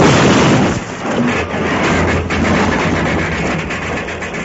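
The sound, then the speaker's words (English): A locomotive derails and crashes in a loud, sustained roar of grinding metal and rumbling impact that barely lets up. It sounds heavy, with no voices. “That's what Deuce planned to have happen to the whole train. A derailment, an accident which he wouldn't be held responsible for.”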